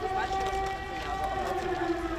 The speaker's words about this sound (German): Luftalarm, eine gespenstische Stimmung. Merz erlebt den Drohnenkrieg hautnah.